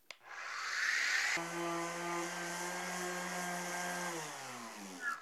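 A loud orbital sander loaded with 60 grit sandpaper whirs steadily with a gritty, abrasive rasp over a humming motor tone, which winds down in pitch near the end. No one speaks.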